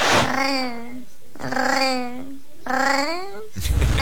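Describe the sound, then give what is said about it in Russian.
An unusual cat that purrs with sounds unlike ordinary cats makes three drawn-out, warbling vocal calls, each about a second long, with a steady mid-pitched tone and a rolling, chatty quality rather than an ordinary meow. “Мне тут попался кот, необычный очень кот, который мурлычет, как настоящий парижанин.”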